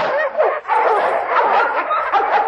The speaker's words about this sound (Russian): Собаки брех подняли, спасу нет.